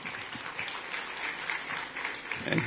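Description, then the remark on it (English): An audience at a political speech applauds in a steady wash of dense, crackling claps that keeps an even level throughout, swelling slightly at the end. “You can applaud that, by the way, because we are.”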